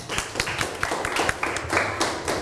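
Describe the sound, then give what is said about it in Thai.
A classroom of students clapping for classmates after a group presentation, a dense patter of many overlapping hand claps that holds steady at moderate loudness for a couple of seconds, with no one talking. “ขอเสียงปรบมือให้กับเพื่อนหน่อยครับ”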